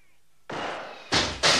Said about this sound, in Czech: Proboha, co se děje? Co by bylo? Někdo po mně střílí oknem. Uhněte mi laskavě z palebného pole, chlapče.